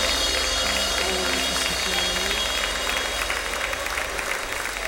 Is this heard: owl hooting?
no